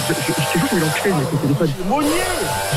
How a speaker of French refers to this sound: la perceuse, j'entends pas.